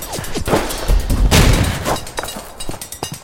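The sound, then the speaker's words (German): A chaotic burst of loud rifle gunfire from two men with two rifles, with sharp cracks and booming blasts, one heavy explosion-like roar in the middle, followed by scattered individual shots. “Zwei Männer. Zwei Gewehre.”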